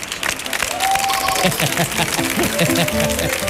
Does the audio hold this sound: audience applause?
yes